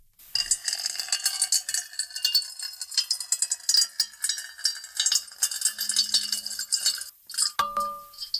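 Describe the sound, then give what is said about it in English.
Seven layered tracks of water pour into a metal bowl, a dense, steady splashing hiss with bright metallic clinks throughout and a brief ringing tone near the end. No one speaks. “So it will probably be seven times as soothing if we layer seven tracks of water being poured into a metal bowl.”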